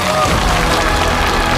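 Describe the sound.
Steady, dense applause from an audience welcoming a health expert onto the stage fills the whole stretch, a loud continuous wash of clapping with a faint murmur of crowd voices underneath.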